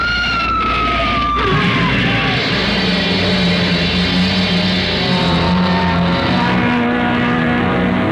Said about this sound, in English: It was a big black hearse with no lights on, pulling out of the cemetery. Lucky I had good brakes. We skidded for about 20 feet and slammed into the back of the hearse. Two rear doors buckled and snapped open.